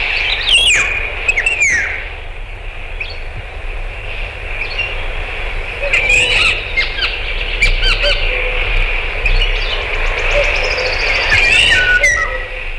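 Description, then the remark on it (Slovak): A woodpecker gives sharp, squawking calls in repeated bursts, loud, in a forest while other birds chirp in the background over a steady low outdoor rumble. “A žlná klebetnica oznamuje v lese, chytili ju, keď v hore kradla drevo.”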